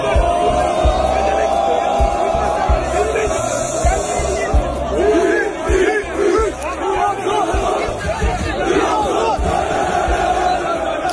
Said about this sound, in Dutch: Mohamed Salah landde vandaag in het shirt van Trabzonspor in Istanbul en hij werd onder luid gejuich ontvangen.